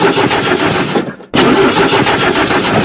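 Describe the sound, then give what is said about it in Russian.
A truck engine cranks over and over without catching because a battery has died, a loud, rough churning that stops briefly, then resumes just as strained. It dominates the whole recording, with no voices. “Опять не заводится грузовик, автобус или фура?”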